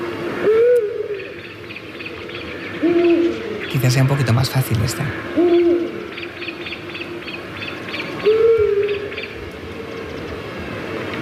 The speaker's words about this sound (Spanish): Esta creo que es un búho. Un búho, sí. O una autilla, ¿no? Yo. Ay, espérate, porque en un ratito vamos a estar... Yo creo que lo vamos a tener cerca, el autillo, para poderlo ver.